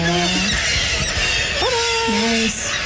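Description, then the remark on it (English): A kittiwake squawks while being caught, in a few loud, drawn-out, nasal calls that jump abruptly in pitch, with a steady hiss of background noise behind them. “will hold the kittiwake”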